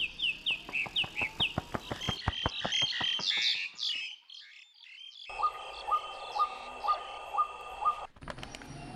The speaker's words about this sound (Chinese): 他不仅能识别八九十种鸟类叫声，还能模仿它们呼朋引伴。 就是那个，就是它叫声。